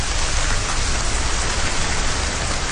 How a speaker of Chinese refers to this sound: 随着楼顶的高压雾化喷淋降温系统启动，各楼楼顶同时喷水，宛如鲸鱼喷泉。这一幕出现在山西省运城市盐湖区的一个住宅小区，看着从楼顶降下的雨，小区居民们暑热顿消